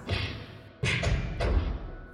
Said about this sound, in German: Hinter einer der Türen erklangen eigenartige Geräusche. Es klang fast wie Faustschläge.